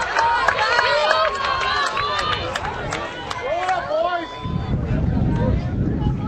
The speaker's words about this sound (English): North Shelby fans applaud. Starting to see some more, or hear some more noise, rather, from my left, where the North Shelby fans are seated.